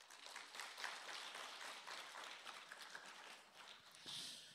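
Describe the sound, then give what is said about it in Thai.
An audience claps together to answer a question on whether to save money first and spend the rest, a dense, steady patter of many overlapping hand claps lasting several seconds, with a slight swell toward the end and no voices. “ใครคิดว่าต้องออมก่อนแล้วที่เหลือจึงนำไปใช้ปรบมือครับ”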